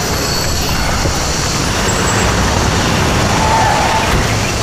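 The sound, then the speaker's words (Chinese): A police car rolls up with a loud, steady rumble of engine and road noise lasting a few seconds, no siren and no voices. “俺里出啥事了？还来警车了？”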